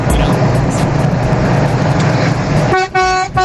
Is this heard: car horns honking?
yes